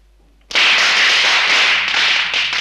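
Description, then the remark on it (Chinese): A long string of firecrackers bursts into loud, rapid crackling after a brief quiet moment, the dense popping continuing steadily without pause and sounding close by. “放鞭炮！”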